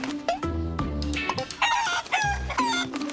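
A rooster crows loudly while several chickens cluck around it, the calls overlapping in a busy, continuous barnyard chorus with no talking.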